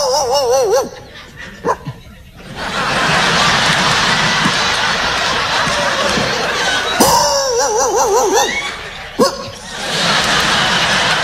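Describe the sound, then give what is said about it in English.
A man's voice imitates dogs barking at night, with sharp barks and whiny, wavering yelps in bursts, while an audience laughs loudly underneath and between the calls. “Y'all keep laughing, I'll keep barking.”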